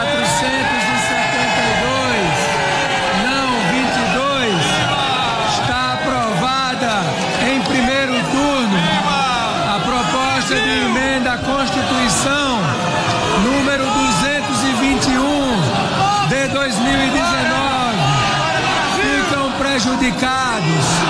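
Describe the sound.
A large crowd of government supporters in parliament chants and shouts President Lula's name in unison as a proposal is approved in its first round: a loud, continuous wall of rhythmic voices with rising and falling cries and cheers running throughout.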